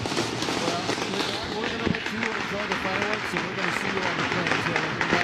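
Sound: fireworks exploding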